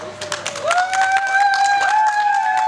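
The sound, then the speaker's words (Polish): Audience applause from a crowd gathered before a Polish Radio stage in Radom: a dense, steady patter of many hands clapping, with a sustained rising whistle or cheer sounding over the top for most of its length. “Proszę o głos, proszę o brawa.”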